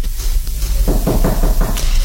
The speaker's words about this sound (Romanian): A deschis cineva ușa de la sală. Da. Se aud pași. Cine mai vine?